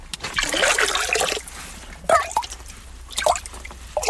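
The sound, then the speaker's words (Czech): Water from the overflow of a forest spring captured in stone trickles and drips in a steady, gurgling flow, with a few brighter splashy bursts rising out of the running stream. “Není to náhoda, ale za studánkou, která pořád dává dost vody, musíme přes takovou nadojem horší a špinavější přístupovou cestu.”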